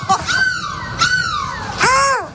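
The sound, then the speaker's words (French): A person's voice imitates a seagull with three loud, nasal cries as a goodbye in a bus in Lille. The first two glide downward and the last is higher and arched, all clear with no other talking. “J'ai envie qu'on se quitte, on se dit au revoir, on crie de la mouette.”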